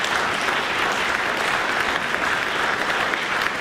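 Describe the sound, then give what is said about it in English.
Sustained audience applause for 28 young musicians from 14 schools in Whangarei, Auckland, Wellington and Christchurch, a dense wash of many hands clapping at a steady, fairly loud level throughout, with no voices standing out. “Let's have another round of applause for these amazing rangatahi, their coaches and whānau, and their schools and teachers.”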